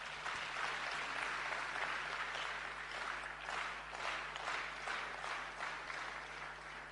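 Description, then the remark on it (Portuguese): Sustained applause from a sizable audience at an Africa Day ceremony, dense clapping filling the whole stretch at a steady, fairly loud level without letting up, with no voices standing out over it. “Uma parte aqui presente, quero pedir uma grande salva de palmas.”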